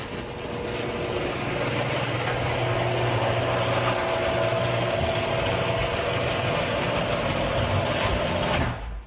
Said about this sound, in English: I'm going to play some audio of what my garage door sounded like before I got my premium nylon rollers. Let's do it.